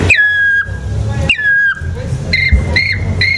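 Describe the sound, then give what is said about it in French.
Someone whistles an imitation of a black woodpecker call: two long, clear, slightly falling whistles, then three short, sharp notes in quick succession. Loud, with low background rumble. “Et en vieillissant, justement, ce taillis qui grandit, les chants d'oiseaux vont évoluer jusqu'à l'ultime, le pic noir, qui est l'oiseau qui a besoin d'arbres qui ont plus de 200 ans.”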